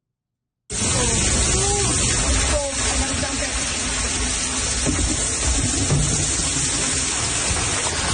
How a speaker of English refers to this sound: You hear the sound there of water pouring into a basement in St. Catharines. Heavy rainfall in the community has caused back-to-back floods, forcing the city to declare a state of emergency.